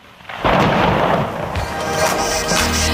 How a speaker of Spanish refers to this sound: Pues así. ¿Qué ha pasado con la lluvia? Que nos ha caído un chaparrón aquí en San Sebastián de los Reyes, que no lo esperábamos